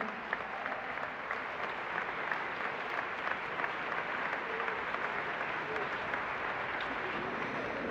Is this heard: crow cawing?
no